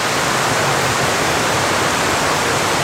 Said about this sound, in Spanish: El sonido del agua es para muchos viajeros el sonido de la vida, el sonido de reencontrarse quizás con otros grupos humanos.